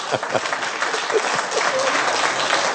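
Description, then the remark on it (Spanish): An audience applauds in a dense, steady wash of clapping that holds at an even, fairly loud level for the whole few seconds, with a few faint voices mixed underneath. “Pero cuando hablamos de madurez, nos quedamos con un aplauso de que la hermana quiso arrancar, pero nadie se arrancó con ella.”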